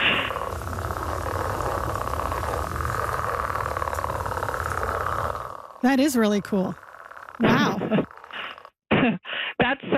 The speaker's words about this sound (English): That's like a breeding sound. So you would hear that in the spring when the frogs are getting ready to mate. It's a pretty neat sound there.